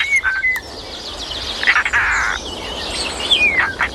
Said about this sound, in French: Alors, on va pas appeler ça un chant, hein, ce cri un petit peu comme un grincement, là, c'est assez puissant d'ailleurs, c'est celui du Rollier d'Europe. Ah, le bel oiseau bleu vif.